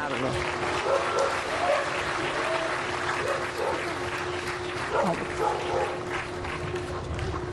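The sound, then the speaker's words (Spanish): A small dog barks and yips intermittently, half-buried under steady crowd applause and a murmur of voices. “El perrito también quiere participar.”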